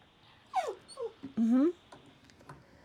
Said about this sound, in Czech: A možná tady slyšíte, že to je líto i pejskům. Támhle kňučí, že se nedovolal. Támhle kňučí, že se nedovolali.